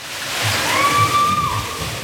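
Steady rushing and sloshing water at a thermal water park on a sultry July day, a broad continuous wash with a brief high whistle-like tone riding over it midway.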